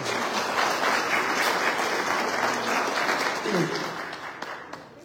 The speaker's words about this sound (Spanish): Fuerte las palmas para ella, por favor.